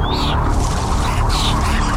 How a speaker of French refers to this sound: D'un seul coup, il y a, je sais pas, une dizaine d'oiseaux qui débarquent autour de moi.